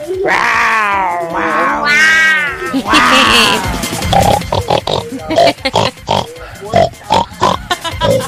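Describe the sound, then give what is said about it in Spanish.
A person imitates a pig: loud, drawn-out squealing for several seconds, then a quick run of choppy grunts and snorts, clear with no other sounds. “…, eres tú.”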